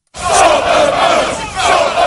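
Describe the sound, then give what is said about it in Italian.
A loud crowd of hooded, black-clad far-right protesters chants "stop the boats" in unison at the port of Dover, England, voices surging in rhythmic waves with a brief dip before rising again, dense and continuous throughout. “Incappucciati, vestiti di nero e al grido di stop the boats, fermate le barche.”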